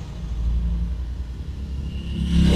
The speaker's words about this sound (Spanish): Ahí va otra moto, miren.